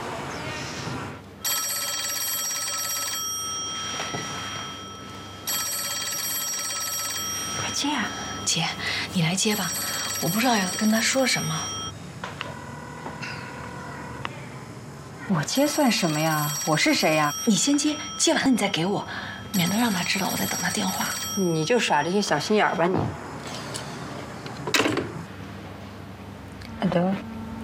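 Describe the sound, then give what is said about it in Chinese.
A telephone rings loudly in repeated bursts with short pauses between, while people talk over several of the rings. “接啊，姐，你来接吧，我不知道要跟他说什么。”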